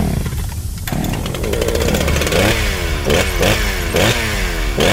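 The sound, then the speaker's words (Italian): A powerful chainsaw sputters into life and then revs hard, its engine pitch swooping up and down in repeated surges over a steady loud buzz, with no voices. “Lina fa apparire una potente motosega e si taglia di netto a metà all'altezza dell'ombelico, schizzando di sangue gli altri tre in maniera molto sexy.”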